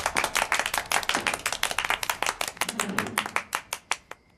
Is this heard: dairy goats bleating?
no